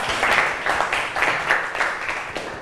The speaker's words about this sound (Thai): เก่งมากปรบมือให้กับกลุ่ม3หน่อย